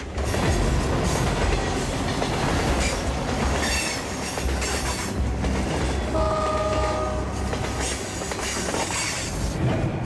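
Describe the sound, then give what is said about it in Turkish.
A train runs along a railway in Alaska as it comes out of a tunnel, rumbling steadily with rhythmic clatter of wheels, metallic squeals, and a brief horn-like tone partway through, loud throughout. “Ama Alaska'da tren yolunda hep beklenmedik şeylerle karşılaşılır.”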